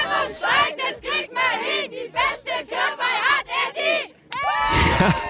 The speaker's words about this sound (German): Und der ganze Ort war auf den Beinen auf jeden Fall. Und die haben sich dort sogar einen Schlachtruf überlegt für die Kirchweih-Challenge.